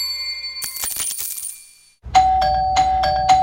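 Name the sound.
doorbell ringing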